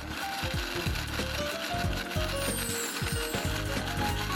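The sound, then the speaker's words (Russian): A kitchen grinder mincing currants, its steady mechanical churning broken by repeated rhythmic ratcheting, clicking bursts, loud and continuous with no one speaking. “Можно делать с остановками, потому что на ножах иногда прилипают кожурки, и чтобы он лучше прокручивал, можно останавливать.”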